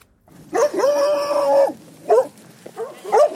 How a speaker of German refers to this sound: Das sind die Herdenschutzhunde und die sind immer bei der Ziegenherde und schützen sie vor unliebsamen Gästen. Das können Menschen sein, aber auch Wölfe, Wildschweine oder wildernde Hunde.